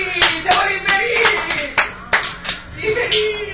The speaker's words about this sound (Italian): Va bene, Radio Cybernet questa sera, come altre sere, trasmette dal Poetria Club di Palazzo Lacaede, a cui presto staccheranno linea e telefono, perché abbiamo disdetto Telecom. Un applauso!